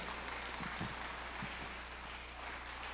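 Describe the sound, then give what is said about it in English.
A crowd at a religious gathering in Bohol claps steadily to thank God in advance: a dense wash of many hands blending into a continuous hiss with no voices over it and no letup across the whole stretch. “What you just did by clapping is you are thanking God in advance for what He desires to do in behold.”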